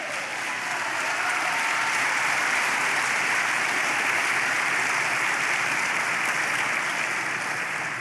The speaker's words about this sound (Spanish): Dele palmas al Señor.